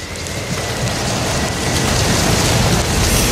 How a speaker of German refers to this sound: 40 Tage lang prasselt der Regen auf die Arche und platscht auf das neue, große Weltmeer.